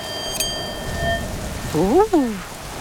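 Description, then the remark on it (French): A steady hiss of rain patters throughout, and near the end a voice rises and falls in a brief howling tone, like a gust of wind. “On n'entend plus que le bruit de la pluie et du vent.”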